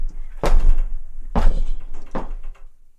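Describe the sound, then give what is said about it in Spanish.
The heavy wooden door of Park Abbey opens as visitors enter, with three solid, resonant thuds and clunks spaced about a second apart, over a low rumbling background. “Apenas cruzamos su puerta, el mundo baja el volumen.”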